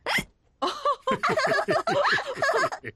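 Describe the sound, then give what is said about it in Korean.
A sharp hiccup, then a quick run of voiced, childlike hiccups in rapid succession, fairly loud, with a giggly, cartoonish quality, like a voice acting out hiccups: George from Peppa Pig hiccuping after drinking juice too fast. “조지는 주스를 너무 급히 마셔서 딸꾹질을 시작했죠.”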